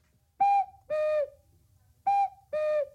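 A cuckoo clock call sounds twice: two pairs of whistled notes, each a short higher tone followed by a longer lower one, clear and fairly loud with a brief pause between pairs. No one speaks.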